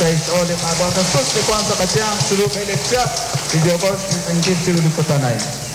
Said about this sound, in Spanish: Brindémosle un fuerte aplauso a Jesús sacramentado.